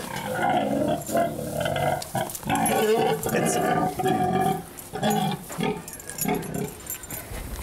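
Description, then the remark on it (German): A heavily pregnant sow named Frieda grunts repeatedly in low, rough bursts, loud and nearly continuous, with short pauses between grunts, as she is urged to stand up and walk; a person's voice also seems to come through at times. “So kann man ein gestandenes Schwein doch nicht rumschubsen.”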